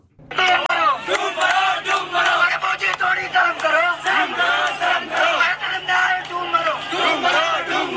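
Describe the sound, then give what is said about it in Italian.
A large crowd of thousands of young Indian protesters marching peacefully toward Parliament in Delhi shouts and chants continuously, many overlapping voices forming a loud, rhythmic roar with repeated surges and no pauses throughout. “In migliaia ieri i giovani indiani sono scesi in piazza a Delhi per urlare il loro dissenso.”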